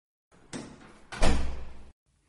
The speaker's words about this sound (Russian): Женщина закрыла за ними дверь